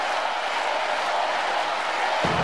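A dense, steady roar of a live show audience shouting and cheering, calling for the comedian to return to the stage, loud and continuous throughout with no pauses, like a packed audience.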